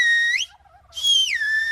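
A loud whistled 'good morning' in the Silbo whistling language by a Silbo teacher on El Hierro, Canary Islands: two sustained tones that each glide up or down in pitch, separated by a short pause, with no talking.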